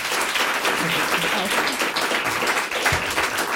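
Steady audience applause fills the whole stretch, a dense, even wash of many hands clapping at constant loudness, with a faint murmur of voices underneath.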